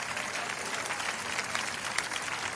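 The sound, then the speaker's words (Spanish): An audience applauds in praise of God, a dense wash of many hands clapping together at an even, sustained level with no pauses, heard without any talking. “Alábalo si puede. Cuando aplauda, diga, el aplauso es para ti, Jesucristo.”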